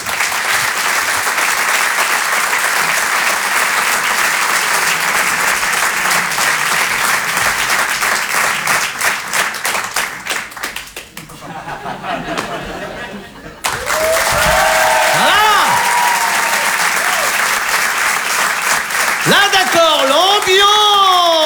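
Loud, dense audience applause for a comedian goes on steadily, briefly thins out, then surges back with high rising and falling whoops over the clapping.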